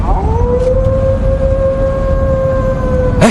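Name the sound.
wolf howling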